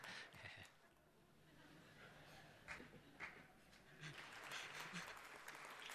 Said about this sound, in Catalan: Val aplaudir xistes, també.